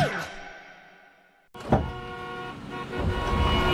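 Car horns toot over a steady rumble of engines and road noise in a traffic jam, a horn blast fading out before the busy traffic din resumes and builds, fairly loud.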